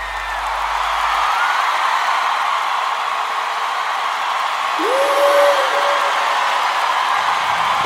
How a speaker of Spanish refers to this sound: Denle un aplauso a mi esposa